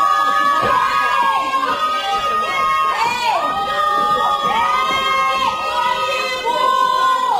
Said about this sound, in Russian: Что вы орете? Кто вас услышит через этот забор? И кто остановится в такой метели?